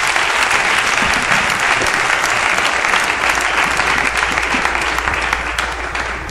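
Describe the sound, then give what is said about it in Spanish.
An audience applauds loudly and steadily, dense clapping filling the space for several seconds and easing off slightly near the end, with no talking over it. “Y le da un aplauso, pero fuerte.”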